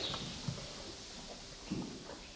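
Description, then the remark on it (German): Horse hooves clopping on a hard stable floor at a horse transport company on the car-free East Frisian island of Juist, as the horses' shoes are checked, a few separate thuds spaced unevenly against a steady background hiss with no talking. “Jetzt checken wir erstmal, ob alle Hufeisen noch drunter sind.”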